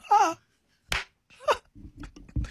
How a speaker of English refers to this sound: Oh my God, claps once.